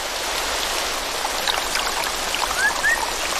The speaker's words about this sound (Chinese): 随着雨林各处溪流水位上涨，一种小动物的世界开始焕发活力。